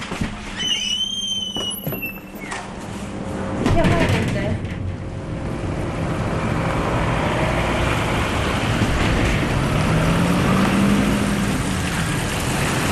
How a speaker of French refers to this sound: Nous descendons à la mine en voiture. Nous rentrons dans la mine en voiture.